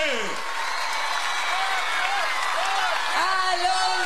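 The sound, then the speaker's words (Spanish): Loud, steady audience applause fills the whole stretch, a dense wash of clapping with rising and falling cheers and whoops from the crowd layered over it. “aplauso, por favor. ¡Más fuerte!”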